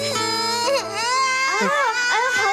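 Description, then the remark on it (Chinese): A baby girl wails loudly and continuously, the cry rising and falling in strained, wavering bursts with brief catches for breath, filling the whole moment. “宝贝，怎么哭不哭啊？妈妈抱抱。 他怎么哭了？”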